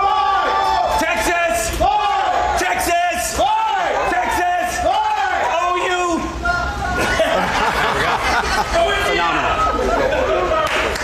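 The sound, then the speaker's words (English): A large crowd at the Texas State Fair shouts back a cheer in response to the cue "Texas!": a string of loud, rising-and-falling whoops and yells for several seconds, then a sustained roar of mixed voices, chatter and laughter. “I'll give you the cue. You give me a response.”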